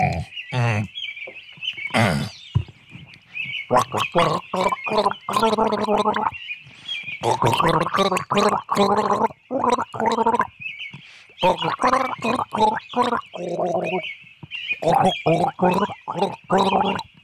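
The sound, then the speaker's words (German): Someone gargles water to rinse, making loud, voiced, bubbling gurgles in a string of irregular bursts with short pauses, while a thin, steady high chirping tone runs underneath. “Moment, da brauche ich Wasser zum Spülen.”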